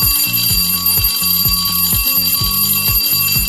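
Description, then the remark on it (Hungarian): A loud electronic signal tone repeats in quick, rhythmic pulses of low stepped beeps over a steady high whine, sounding like a radio cue for sending messages, with no voices. “Ez volt a jeladás az üzenetküldéshez.”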